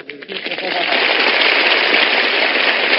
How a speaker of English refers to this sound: Oh, please, stop. Oh, please. Oh, thank you. Please, please, no applause, no applause. With all that applause, it sets up a big wind.